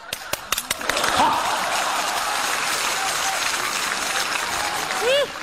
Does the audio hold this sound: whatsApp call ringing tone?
no